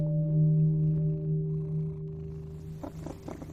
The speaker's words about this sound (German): Ich kann mir vorstellen, dass so eine schnurrende Katze auch ein sehr gutes Einschlafmittel ist.